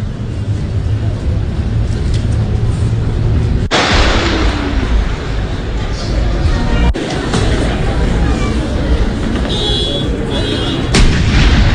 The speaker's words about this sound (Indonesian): Sementara itu dalam upacara Hari Kemerdekaan ke-56 negara Fiji, sejumlah prosesi upacara dilakukan, mulai dari pemeriksaan pasukan oleh Presiden Fiji, parade pasukan, hingga tembakan salto dan tembakan meriam.